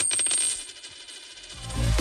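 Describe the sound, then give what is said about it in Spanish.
A euro coin drops and bounces with a quick run of bright metallic clinks and a high ringing tone that fades as it settles, followed by a low rumbling swell at the end. “¿Lo oyes? Es un euro que cunde”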